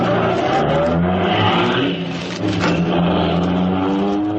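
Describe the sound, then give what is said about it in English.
A car engine turns over and catches, then revs loudly and steadily, its droning pitch rising and falling as the throttle is worked, with no voices over it. “I'll give it another try. She's catching. Feed it gas. Let's go.”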